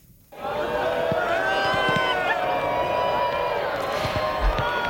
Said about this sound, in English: That's a crowd watching the solar eclipse, cheering as the moon moved in front of the sun, blocking its rays.